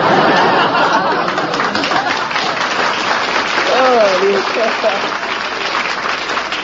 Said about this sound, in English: I want to thank every bachelor in the audience. Even a couple of married men are applauding.